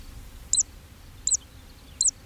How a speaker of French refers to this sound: Alors, dans les clairières, évidemment, on a entendu, au moins et très nettement, la cisticole des joncs, ce petit oiseau qui vole en chantant et qui pousse un petit cri à chaque vague de son vol.